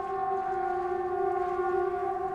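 A steady Swedish 'Important Public Announcement' (Viktigt meddelande till allmänheten) warning siren holds a constant mid-pitched tone with bright harmonics, sounding loud and unbroken throughout with no speech; it signals people to stay indoors, close windows, doors and ventilation, and listen to Sveriges Radio P4.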